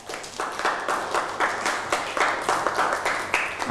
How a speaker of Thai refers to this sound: เอาปรบมือให้กับเพื่อน